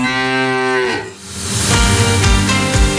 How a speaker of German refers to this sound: Finde die letzte Muhende Müllermilchflasche und gewinne 50.000 Euro.